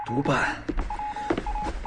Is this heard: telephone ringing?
yes